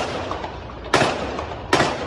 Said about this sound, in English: At first, some thought the sounds were from a nearby construction site. Second round of gunfire was unmistakable.